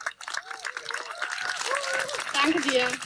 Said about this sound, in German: Und deswegen einen großen, großen Applaus für Miriam Block.